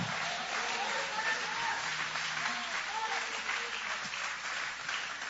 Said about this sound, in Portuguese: Pode tomar o vosso assento, guarda a Bíblia com muito carinho, e pode aplaudir a Deus, pode glorificar o nome dele com uma alegria.